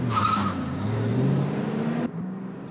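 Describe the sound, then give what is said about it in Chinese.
A car engine revs hard and rises in pitch as tires squeal briefly, the vehicle speeding off loudly as Japanese soldiers flee Chenxinglan village in it, before the sound cuts off abruptly. “武士全六自己先慌乱地爬上了汽车，鬼子们把手里的火把慌乱地向城门高高的门楼随手一扔，屁滚尿流地爬上了汽车，仓皇出了陈姓兰村。”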